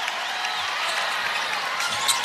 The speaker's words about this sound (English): Listen to the crowd giving a knee here. A good hand as she checks out of the game.